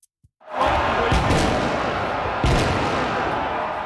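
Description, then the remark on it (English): Fireworks or firecrackers go off in a loud, continuous barrage after a brief quiet moment, with a dense rumbling roar and a few sharper bangs poking out. “They say officers will enforce a zero-tolerance policy for people using all types of fireworks, firecrackers, and smoke flares.”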